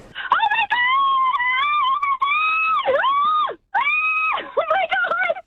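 A woman screams in excitement as a singer is announced walking on stage, a loud, high-pitched shriek held for several seconds, then after a brief gap a second, shorter scream that wavers up and down.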